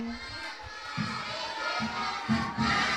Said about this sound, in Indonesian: Sekali beri tepuk tangan yang meriah.